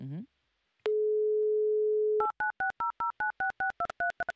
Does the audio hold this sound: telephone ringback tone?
yes